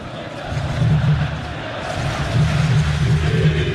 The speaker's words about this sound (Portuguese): mas a torcida sente um bom momento e canta alto em São Januário. Aumente o som para ouvir o torcedor vascaíno.